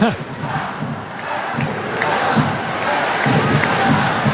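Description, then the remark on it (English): A large stadium crowd at a soccer match between Angel City and Gotham, scoreless in the 89th minute, shouts and roars in a steady, dense wash of voices, apparently commenting on the referee's socks, that swells slightly louder toward the end, with scattered yells poking through the din. “And the crowd commenting on referee Gerald Flores' socks, unless I heard that wrong.”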